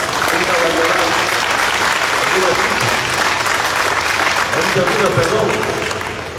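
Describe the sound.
An audience applauds federation members during a political speech, a dense, loud wash of clapping that holds for several seconds before easing slightly at the end, with faint voices mixed in underneath.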